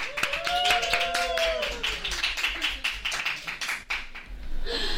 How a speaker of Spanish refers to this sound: Porque hoy han venido a verme el mejor público que podía haber, el mejor público millennial. ¡Un aplauso para ellos!